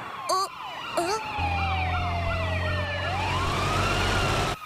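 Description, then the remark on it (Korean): The siren of an arriving police car wails in repeated rising and falling sweeps, loud, over the low rumble of an engine, with a couple of brief vocal sounds near the start. “다행이다. 경찰차가 왔어.”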